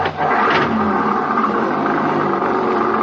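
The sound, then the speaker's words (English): A car engine revs up loudly and accelerates, a steady roar holding at high intensity for a few seconds with no voices. “Hold on to your seat, and I'll show you how one of these things can really take these roads.”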